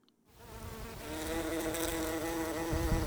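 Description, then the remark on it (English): Bumblebees buzzing steadily, a low droning hum with a few overlapping wingbeat tones that swell in after a brief quiet start and hold on at fairly loud level with no voices. “Bumblebees are one of the sights and sounds of the British summer.”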